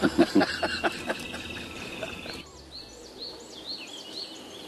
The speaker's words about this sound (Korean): 날도 좋고 새소리도 좋은 평화로운 오후.